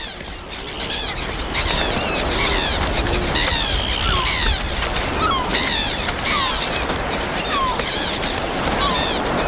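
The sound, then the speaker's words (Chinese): A dense, continuous chorus of gulls and crows calling over one another around a grey seal mother and her newborn pup, loud, with overlapping squawks and cries and no pauses throughout. “这位灰海豹母亲没有时间休息，稍不留神，乌鸦和海鸥就有可能对幼崽构成威胁。”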